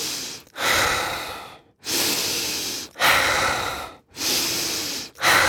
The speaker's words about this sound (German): Deswegen ist mir wichtig zu sagen, ich kann es ja mal kurz vormachen, was hier so eine typische Frequenz ist, wie wir das machen bei diesen aktiven Atmen.